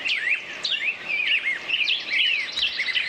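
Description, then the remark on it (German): A dense morning chorus of birds chirping and warbling, many overlapping calls trilling continuously at moderate volume, with no voices present. “Ja, die Frage ist nur, welche Vögel zwitschern da gerade?”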